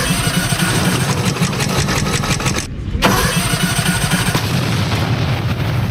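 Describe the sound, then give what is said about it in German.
A lawnmower engine is pulled into life for a lawnmower race and runs loud, chugging in a steady rapid rhythm, briefly faltering for a moment before roaring on again. “Ich schmeiß das Ding an.”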